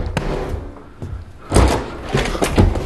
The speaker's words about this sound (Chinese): 开门，给他开门。